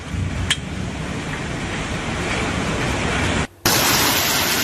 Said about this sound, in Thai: เนี่ย ปกติก็คือลูกเห็บเนี่ยมีโอกาสเกิดขึ้นได้อยู่แล้วแต่มักจะเกิดในช่วงของพายุฤดูร้อนอ่ะ